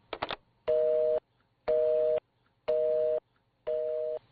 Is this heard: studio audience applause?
no